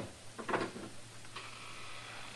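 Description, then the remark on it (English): A latch rattles and a door swings open: a cluster of short clunks and scrapes, then a softer knock, leaving only a steady low hum with no talking. “I'll give you just 5 seconds to get that door open and come out here.”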